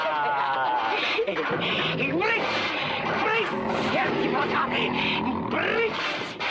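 Tigers surrounding a cage growl and roar loudly, several deep rumbling snarls overlapping without pause for the whole stretch, harsh and throaty against a dense, noisy background, while a man in the cage runs a large bone along the bars and growls.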